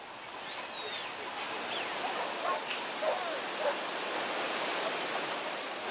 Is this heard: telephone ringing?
no